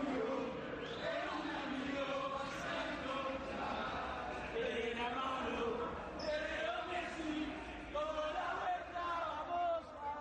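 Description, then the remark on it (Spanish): Argentine football fans chanting and shouting together after Argentina's 3-2 comeback win over Egypt to reach the quarter-finals, a dense, loud wall of many voices with rising and falling sung phrases that keeps going without a break for the whole stretch. “Los cánticos y los gritos como catarsis.”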